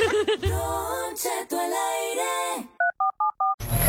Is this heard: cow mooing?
no